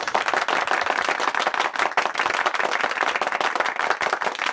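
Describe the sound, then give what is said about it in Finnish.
Steady applause from a small group, many hands clapping in a dense, continuous patter at an even level for several seconds, with no talking over it. “Mulla on tossa tettiläisiä siis, jotka tulee taputtaa, ne on ihan sitä varten täällä vaan.”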